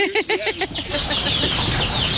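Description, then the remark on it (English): In a backyard in Robeson County, a cluster of chickens calls: quick clucks in a rapid, uneven series, then high, thin peeping from 11 baby chicks over a rustling, noisy background. “Then I have 11 beaties. Want to go see? Baby chickens.”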